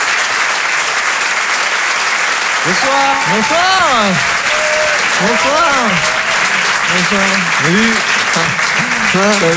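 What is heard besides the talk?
audience applauding loudly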